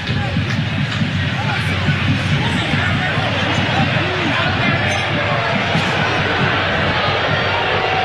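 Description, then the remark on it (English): A big stadium crowd at a BC versus Edmonton game jeers after an offside call, a loud, steady wash of many voices booing and shouting that holds for the whole stretch without letting up, with no single clear voice standing out. “And the crowd here giving it to Prue.”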